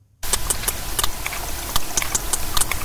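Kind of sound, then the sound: animal, sperm whale echolocation clicks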